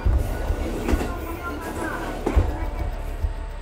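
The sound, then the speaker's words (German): A small railcar on a small Japanese railway line, running on 1067 mm narrow-gauge track, rumbles along steadily, with heavy low-end vibration and periodic clattering jolts from the wheels passing over rail joints, a continuous running-train drone throughout. “Unterwegs sind die Triebwagen auf einer Spurweite von 1067 mm, der sogenannten Kappspur.”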